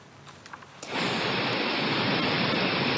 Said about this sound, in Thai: นี่คือภาพความรุนแรงของน้ำป่าในลำน้ำห้วยวอกหลังฝนตกหนักในพื้นที่ตำบลแม่ยวมอำเภอแม่เสรียงจังหวัดแม่ฮ่องสอนส่งผลให้น้ำในลำห้วยพุ่งเพิ่มสูงขึ้นอย่างรวดเร็วล้นสะพานล้นตลิ่ง